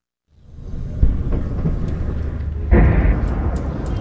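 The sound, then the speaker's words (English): Two loud explosions heard in the distance from a hospital in Abati, southern Lebanon: a deep, rumbling boom rolls in from far away, followed by a second heavy blast a moment later, both low and thunderous with a long reverberating tail and no voices. “We've just arrived at the hospital here in Abati, and we've just heard two loud explosions in the distance.”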